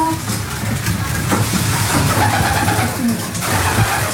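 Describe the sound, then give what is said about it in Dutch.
Pigeons, some sitting brooding on a terracotta dish, coo in low, throaty, repeated murmurs over a steady rumbling background, with several birds overlapping in a continuous soft chorus. “En de duiven die nu stug blijven zitten, zijn die echt aan het broeden, denk je?”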